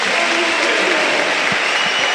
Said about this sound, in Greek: Ο Μακιντάιρ παίρνει το πρώτο θερμό χειροκρότημα των φίλων του Ολυμπιακού.